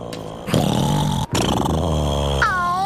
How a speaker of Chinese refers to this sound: 小的小熊打呼声还真大， 差不多和你一样大声。